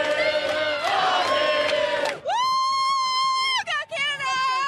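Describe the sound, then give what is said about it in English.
A crowd of Canadian fans in Los Angeles cheers loudly after Sunday's World Cup game, stopping traffic, in a dense roar of overlapping voices, then long, sustained high-pitched shouts or chant-like tones that break off briefly near the end. “Sarah McDonald is in Los Angeles, where there is much jubilation among Canadians there”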